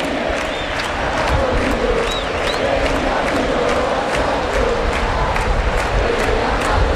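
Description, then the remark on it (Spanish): A huge football crowd at the Monumental stadium, Argentina supporters shouting for the number 10, roars and shouts continuously, a dense, loud wall of voices with sharp rhythmic accents and occasional whistles rising above the din. “Escuchen el Monumental, escuchen a la Argentina gritando por el 10.”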